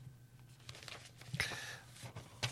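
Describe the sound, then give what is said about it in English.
A piece of paper crinkles and rustles as it gets tangled, with a couple of sharper tearing bursts standing out against a quiet background hum. No one speaks. “Sorry, piece of paper got tangled up there.”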